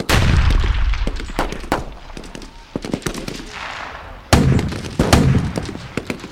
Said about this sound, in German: Unter den beiden Drachen stand ein großer Trupp von Soldaten, die mit Feuergeschützen auf sie feuerten.